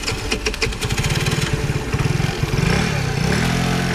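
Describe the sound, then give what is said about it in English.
A motorcycle engine chugs in quick, steady pulses, then revs up with a rising, sustained growl. Loud, with no voices. “As I rode home on my motorcycle, I had a distinct impression that Kurway was not going to make it.”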